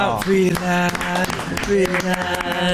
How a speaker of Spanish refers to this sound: ¿y este aplauso?